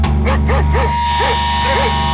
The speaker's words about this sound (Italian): Che succede? Un cane?